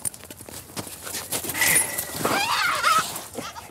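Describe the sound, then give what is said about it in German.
Young goats bleat loudly while being given injections, their wavering, quavering cries overlapping for a couple of seconds after a few scattered hoof-like taps and rustles. “Die Kleinen, die schreien immer so fürchterlich, ne?”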